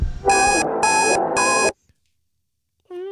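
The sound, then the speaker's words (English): An old-school alarm clock rings loudly for under two seconds, a rattling clang with three pulsing tone bursts, then cuts off into silence before a short tonal sound begins. “Old school alarm clock, smart speaker.”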